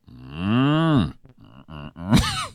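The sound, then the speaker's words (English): A person imitates a cow with a long, low, droning moo that swells and then sags in pitch, followed by a few short grunting bursts and a second, higher, wavering moo. “Okay, I'm going to do my cow impersonation.”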